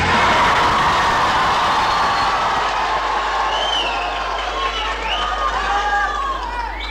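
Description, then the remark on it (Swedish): A choir of young voices cheers and shouts spontaneously and happily all at once, a loud, continuous jumble of overlapping whoops, with high rising and falling calls standing out toward the end. “De spontana glada röster vi hörde här alldeles nyss, de kom från en kör”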